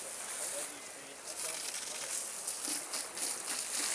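Water sprays from a hose to bathe Asian elephants, in a steady hiss that lasts throughout, with the spray surging and swelling in brief bursts.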